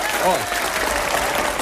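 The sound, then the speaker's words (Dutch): A steady wash of audience applause, dense and even throughout, with a brief voice rising faintly over the clapping near the start. “Ja, ja, applaus.”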